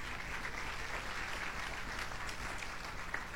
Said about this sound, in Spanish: ¿Cuántos dicen amén? Aplauden al Señor.